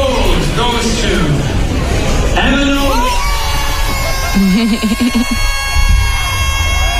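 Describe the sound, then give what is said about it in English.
A dense crowd at an awards ceremony erupts in loud cheering, whoops and high-pitched screams as a winner is announced, sustained throughout with individual shrieking voices rising above the roar, intense. “screaming into oblivion.”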